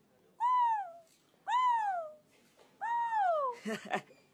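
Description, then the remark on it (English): A human voice imitates an African fish eagle with three loud, drawn-out yelping cries, each sliding downward and evenly spaced, followed by a brief burst of breathy noise. “He'd heard the fish eagle's cry when he was with his uncle.”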